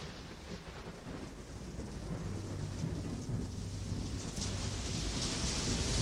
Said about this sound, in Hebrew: והגשם הזה שאתם שומעים ברקע